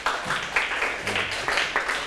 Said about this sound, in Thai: ในใครตอบถูกมาเลยเอาปรบมือให้ตนเอง